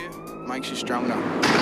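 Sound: police siren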